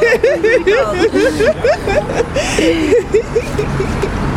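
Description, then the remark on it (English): Steady rumble of traffic at a busy street intersection by Vauxhall Station on a freezing cold day, with passing vehicle noise and a lively babble of voices and chirpy vocal sounds layered over the top. “We are at Vauxhall Station underground at the big busy intersection, and it's really, really freezing.”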